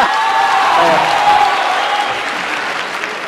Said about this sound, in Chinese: 那怎么分输赢呢？ 观众的掌声就是分数。